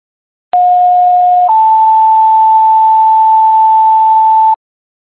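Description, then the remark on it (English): A fire dispatch still alarm tone plays for about four seconds, starting on one pitch and stepping up to a slightly higher sustained tone partway through, loud and unbroken with no voices, dispatching a response to 19 Park Street for a flooded apartment. “Attention, still alarm.”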